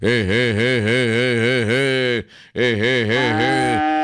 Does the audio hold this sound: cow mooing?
yes